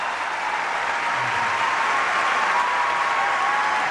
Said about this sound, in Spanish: Quiero que reciban con un cariñosísimo aplauso